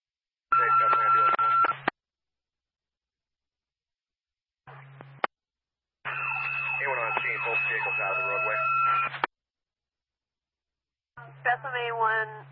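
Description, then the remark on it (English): Bursts of crackly fire department two-way radio traffic about an alarm call, with Bethlehem engine units, tonal beeps and a low hum, voices coming through distorted and clipped, separated by abrupt silences as transmissions key on and off. “Radio is very scratchy.”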